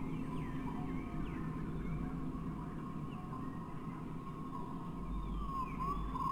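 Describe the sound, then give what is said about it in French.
A steady low rumble of a stone rolling through scree, blended with wind whistling as it rushes into a rock arch, in wavering, gliding high tones that rise and fall throughout. Recorded between 2000 and 2500 metres on the Pale di San Martino. It stays loud and constant, with no voices. “La couleur sonore de la mélancolie ressentie avec les corbeaux est issue d'une greffe entre un son d'un caillou roulant dans un pierrier et les sifflements du vent s'engouffrant dans une arche rocheuse.”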